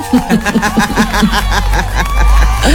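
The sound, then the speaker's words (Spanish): A studio audience claps steadily while cheering and whooping for the public holiday coming in October, a loud burst of mixed voices and rapid applause lasting a few seconds. “Este mes trae feriado, aplausos para el feriado.”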